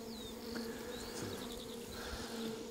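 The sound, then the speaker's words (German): A dense, steady drone of many honeybees buzzing at an opened hive box, a double-walled box with hemp insulation; a continuous hum with occasional higher whines of individual bees passing, and no voices. “Das sind die Bienen für sich und das ist eine so eine Kiste.”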